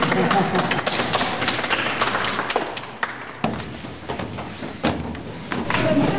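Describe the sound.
A group applauds with a dense patter of overlapping claps that holds steady for several seconds, voices murmuring underneath, then thins slightly before swelling again.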